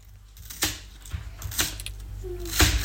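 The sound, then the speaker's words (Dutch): A knife cutting a watermelon: several sharp, crisp cracks and crunches at irregular intervals over a low steady hum, with short gritty scrapes between them and no voices. “Jeroen, ik ben watermeloen aan het snijden.”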